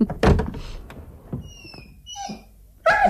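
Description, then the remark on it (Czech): A heavy thump, then a dog's thin, high whimpers and squeaks rising and falling, ending in a sudden louder yelp, from a dog kept in a car. No one speaks. “Neřekl jsem vám, že mám v autě taky psa a kočku.”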